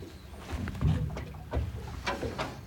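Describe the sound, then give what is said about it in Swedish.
Water laps and gurgles against a small boat's hull on a lake at Nyckelgrundet in soft, irregular clucks and slaps, with a faint outdoor wind hiss underneath and no talking. “Kanske att man hör lite tärnor en bit bort, men annars hör man ju klucket i alla fall från...”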